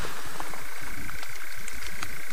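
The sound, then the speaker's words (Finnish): A common toad croaking in a steady, rough, slightly crackling call that runs without pause, broken by faint clicky pulses, with no voices present. “Joo, tuo taitaa olla rupisammakko omalla osuudella.”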